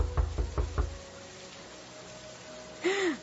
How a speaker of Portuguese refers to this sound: Uma senhora veio atender resmungando. Quem será que está batendo a porta essa hora? Com essa chuva eu vou ter que abrir a porta.